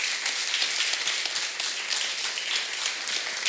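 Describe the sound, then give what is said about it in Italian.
An audience at the Festival Treccani della Lingua Italiana applauds steadily to welcome Andrea Moro and Stefano Bartezzaghi: a dense wash of many hands clapping at an even, fairly loud level throughout, with no voices over it. “Sono protagonisti anche in questa edizione del Festival Treccani della Lingua Italiana e sono, e li salutiamo appunto di nuovo accogliendoli con un applauso, Andrea Moro e Stefano Bartezzaghi.”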